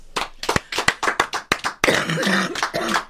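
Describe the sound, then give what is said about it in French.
A small group claps in sharp, uneven bursts, then a rough cough breaks out partway through as the applause thickens into a denser, noisier patch before fading. “Pas tousser pendant les applaudissements.”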